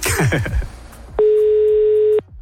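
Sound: telephone ringback tone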